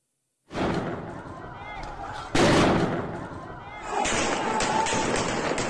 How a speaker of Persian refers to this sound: مردم بی‌دفاع، شلیک‌های هدفمند و بازداشتگاه‌هایی که راه بازگشت نداشتند.